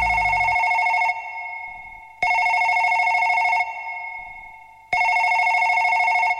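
A telephone rings in three loud, steady bursts of about a second each, separated by short pauses with a fading echo, heard alone with no voices.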